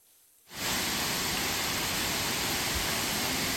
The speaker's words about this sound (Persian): آبها جاری اند و صدای خروشان رودخانه ها برای مردم افغانستان نشانی از سال نیکو و پرحاصل است.